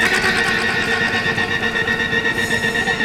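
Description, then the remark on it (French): Loud, sustained rapid-fire bursts of a machine gun clatter continuously for about three seconds, a dense mechanical rattle with no pauses and no voices. “Je prends une mitraillette et on y va, hein.”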